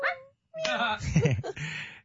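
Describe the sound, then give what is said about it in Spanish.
A small dog whimpers and lets out drawn, high-pitched howling whines in a couple of short bursts with a brief pause between, followed by some muffled background noise. “Hay un perrito y una gatica.”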